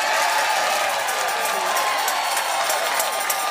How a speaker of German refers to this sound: Nochmal jubeln vielleicht.